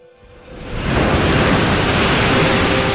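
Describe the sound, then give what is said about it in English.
Ocean waves rush in as a steady, loud roar of surf that swells up within the first second and then holds, with no voices present. “One day, he jumped into the ocean for a little bath. When he waved around the red silk ribbon, the ocean waved along.”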